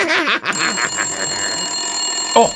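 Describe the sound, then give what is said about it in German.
A telephone bell rings during a radio show in a rapid, continuous metallic trill, loud, after a brief warbling sound at the start, and carries on steadily for about two seconds. “schon wieder Telefon. Das gibt's doch gar nicht. Wer ruft uns denn hier andauernd an?”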